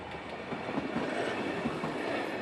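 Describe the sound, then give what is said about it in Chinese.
An automated rail-replacement train lays long rails into place on a railway track, giving off a steady, loud rumble and clatter of heavy machinery, continuous, with no one speaking. “一根根长轨服服帖帖地被安置妥当，如此自动化且安全快捷的换轨作业，老一辈铁路人已经无法想象。”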